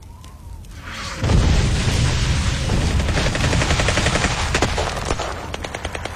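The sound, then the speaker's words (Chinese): A quiet opening gives way to a sudden burst of loud, chaotic gunfire on a deep-winter night around a small courtyard, with overlapping shots and rapid bursts crackling on irregularly, some sharp cracks standing out near the end. “在这年深冬的一个夜里，夜晚被外面的动静惊醒，在一片凌乱的枪声中，他被人带离了那处小院子，逃出升天。”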